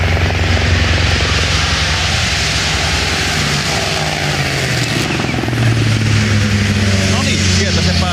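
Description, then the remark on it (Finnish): A helicopter rotor churns overhead in a loud, steady drone that fills the whole stretch, with a voice talking faintly beneath the noise, at Rally Finland (World Rally Championship) as Elfyn Evans's car, the first car, reaches the finish of the first forest stage. “Helikopterin siiven alla tulemaan Elfidemas maaliin.”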